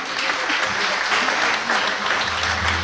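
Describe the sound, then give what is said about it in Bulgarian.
Steady, dense audience applause at the Sredets House of Culture, many hands clapping in a continuous loud wash with no pause for the whole stretch. “Който стои ето там и се прави, че не е там. Аплодисменти!”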